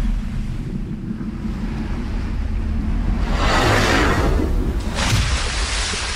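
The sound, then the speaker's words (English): Rough sea surf rumbles steadily, with waves surging and crashing loudly around the middle and again near the end, a broad hissing wash over low, windy roar. No voices. “What was once calm seas became boiling water and crashing waves.”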